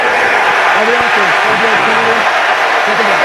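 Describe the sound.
A large stadium crowd, mostly Philadelphia fans at an American football game between Philadelphia and Jacksonville at Tottenham Hotspur Stadium in London, roars steadily, a dense wall of cheering with scattered shouts and voices rising above it, loud and continuous throughout.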